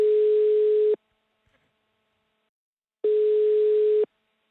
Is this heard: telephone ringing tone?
yes